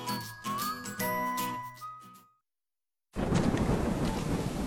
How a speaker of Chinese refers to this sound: 妈妈，雨好大，我们在大树底下躲会儿吧。 月月，雷雨天不能在大树下避雨哦，很危险的。